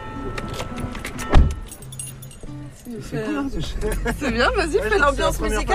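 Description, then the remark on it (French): People getting into a car on the island of Groix: keys jingle, a single solid thud like a door shutting, then voices chatter over a low steady rumble from the car interior. “alors je monte devant, d'accord?”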